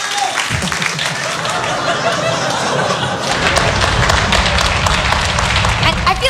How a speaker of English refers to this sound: Why are you clapping? Because you drop your cup?